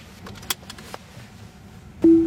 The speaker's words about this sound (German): Ein kurzes Signal und schon fährt das Auto von allein los.